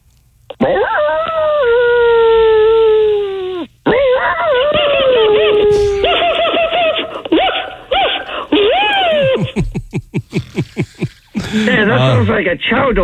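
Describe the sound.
People mimic dogs: long, wavering howls give way to a quick series of sharp yapping barks, then more howling, all loud with a thin, phone-like tone.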